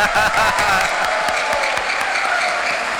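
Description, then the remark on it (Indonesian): A large audience at a graduation ceremony claps steadily, a dense, continuous wash of applause with sharp individual hand claps popping out, holding at an even, loud level throughout. “Tepuk tangan buat mereka semua.”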